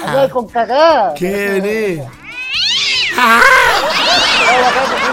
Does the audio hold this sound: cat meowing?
yes